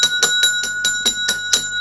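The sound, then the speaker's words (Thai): A small hand bell, rung to call listeners, rings in a rapid, steady series of about eight bright metallic strikes, each with a shimmering ring, clear with no one talking. “โอ้ตายแล้วโอ้โหกระดิ่ง”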